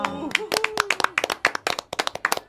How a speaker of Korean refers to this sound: 박수!